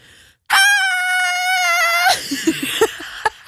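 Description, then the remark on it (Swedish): A person lets out a loud, high-pitched scream, imitating the sudden panic of a learner driver taking her hands off the steering wheel in her first intersection, held steadily for about a second and a half before breaking into short breathy gasps. “Och jag tar upp händerna från ratten och skriker.”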